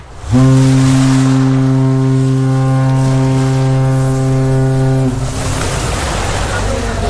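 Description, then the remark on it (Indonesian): A deep, loud ship horn blares steadily for about five seconds, then cuts off, leaving a constant rush of wind and engine rumble out on an open passenger ship deck by the railing. “coba foto Nusa di pagar kapal”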